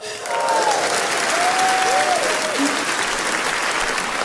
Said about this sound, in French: Mais monsieur, excuse-moi, mais pourquoi t'applaudis comme un malade comme ça? C'est pas avec toi que je me suis mariée.